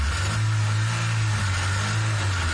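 A car engine runs loud with a deep, steady rumble that swells slightly as it revs, continuing throughout with no voices.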